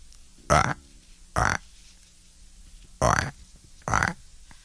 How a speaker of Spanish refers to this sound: Por ahí se escucha una rana madrugadora. Escuchen. Sí, es una rana que va saltando cerca de la orilla.